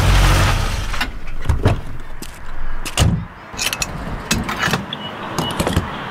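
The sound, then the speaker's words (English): Gasoline pumping into a car's fuel tank: a steady rushing flow broken by a series of sharp mechanical clicks and clunks from the nozzle, with no voices. “Hear that? It's your paycheck going straight into the tank.”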